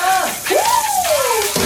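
Steady hiss of water pouring down throughout from a running shower, with a voice singing along under the shower, a long, sliding note over the spray.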